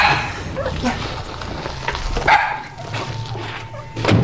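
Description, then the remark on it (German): Dogs bark in a few sharp, scattered bursts as they are freed to save them from becoming test animals, with a steady hum and some voices in the background. “Los, schnell, wir befreien die Hunde.”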